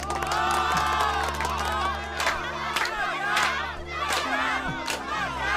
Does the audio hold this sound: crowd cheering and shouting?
yes